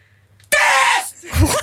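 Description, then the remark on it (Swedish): A person inside an arena lets out a sudden, loud scream that cuts off after about half a second, followed by a shorter, lower vocal burst. “Och så där lät det när jag skrek.”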